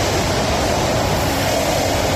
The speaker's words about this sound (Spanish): Mucho viento, pero también mucha agua. 84 litros por metro cuadrado se medían en Barcheta, 72 en Carcaisén.